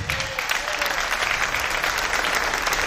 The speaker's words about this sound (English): That's all the married people clapping, by the way.